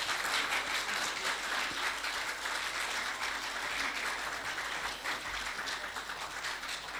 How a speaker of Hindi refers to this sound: भरपूर तालियां जी अपने इस दोस्त के लिए।